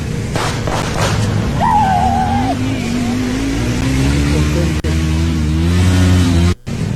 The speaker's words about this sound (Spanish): A ver, mire, ahí va la moto.